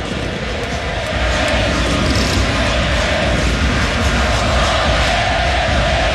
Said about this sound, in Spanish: Una marca también importante para el 10, que acá recibe los aplausos de todo mundo en el Estadio Monumental. El Oleo Le Messi, Messi en las tribunas del Monumental.